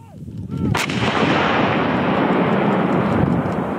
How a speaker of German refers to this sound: Eine Kanone donnert direkt an der Grenze zu Belarus. Diesmal ist es eine französische NATO-Kanone, die übungshalber, aber mit scharfer Munition abgefeuert wird.